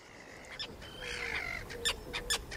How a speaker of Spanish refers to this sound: Y sobre esas aguas resplandecientes, los estáis escuchando, vuelan los ruidosos, elegantes, pero siempre malhumorados charranes comunes. Nombre científico, Sterna irundo, con colonias fantásticas en la desembocadura del río Var, en Niza,